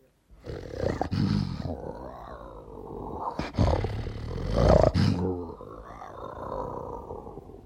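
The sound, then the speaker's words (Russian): A lion roars loudly, a series of deep, rumbling bellows and grunts that swell and fade over several seconds, with no talking. “Итак, лев, пожалуйста.”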